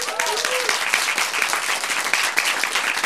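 An audience applauds steadily, a dense wash of many hands clapping at an even loudness throughout, with a brief whoop or voice rising over it near the start.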